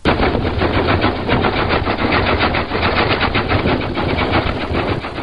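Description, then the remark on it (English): The gasoline engine of a 1902 Oldsmobile car runs steadily, with loud, rapid, rattling pops in an even rhythm, almost like machine-gun fire, continuing throughout with no voices. “That's a 1902 Oldsmobile you heard right there.”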